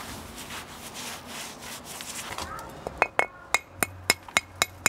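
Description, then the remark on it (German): A hammer knocks on stone in a steady run of sharp, ringing strikes, about eight in quick succession, following a stretch of rough scraping and rubbing sounds, as a stone is trimmed to shape for vaulted masonry. “Beim Klopfen weiß er genau, wie viel Kraft es braucht, damit der Stein nicht an der falschen Stelle bricht.”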